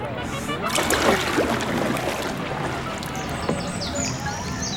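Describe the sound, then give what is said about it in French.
Water laps and sloshes softly and steadily on a shallow, greenish lake with canals and floating gardens at 2,000 metres altitude, with small splashes and gurgles over a continuous wash, as if against the side of a small boat. “J'ai beau tendre l'oreille, je n'entends rien à part le clapotis de l'eau.”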